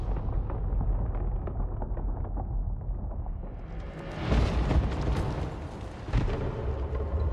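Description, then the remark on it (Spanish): The Kalisk, a creature encased in a layer of ice, explodes into countless particles and releases a cloud of vapour: a sustained rumbling explosion with dense low-end roar, swelling into a bright crackling burst around the middle, then a second sharp surge near the end. “El Kalisk explota en innumerables partículas, liberando una nube de vapor que derriba a Deck, Tia y Bod.”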